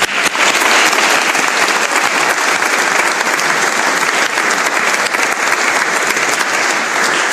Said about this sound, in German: Es ist Zeit, dass ein herzlichen Dank ans Team von Mission Waldviertel für die musikalische Umrahmung und auch an die Orgel natürlich. Ich glaube, sie haben sich auch einen riesen Applaus verdient.